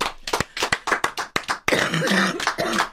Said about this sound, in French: À tousser pendant les applaudissements. Mince. Allez-y, refais des applaudissements.